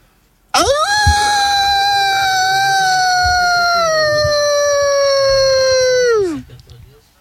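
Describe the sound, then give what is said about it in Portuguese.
A person lets out one long, loud imitation of a wolf howl, a sustained high tone that slowly sags in pitch for about six seconds before dropping off at the end. “Você, né, pode soltar um uivo?”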